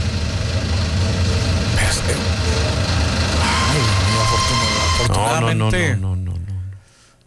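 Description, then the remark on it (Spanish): A train passes on the tracks, filmed by a truck's camera: a loud, steady rumbling drone with whining tones that shift near the end before the sound quickly fades away. Faint voices may be mixed underneath. “El tren va pasando.”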